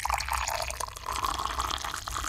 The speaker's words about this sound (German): Nummer 2 ist das heiße Wasser. Stimmt! Man kann es ja, wirklich hören.